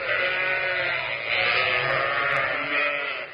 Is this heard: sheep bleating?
yes